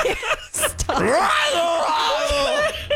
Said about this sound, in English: this is two times in a row you screamed into the mic. I'm so sorry. At the beginning of the segment, too.